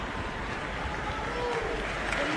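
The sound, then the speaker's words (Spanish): A crowd in Catamarca applauds steadily for a couple of seconds to welcome a singer from the host's La Voz team onto the stage, a dense, even wash of clapping with faint voices and cheers mixed into the background. “Era parte de mi equipo en La Voz y es catamarqueño y quiero que le reciban con un cariñoso aplauso”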